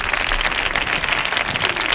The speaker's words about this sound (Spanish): Otro aplauso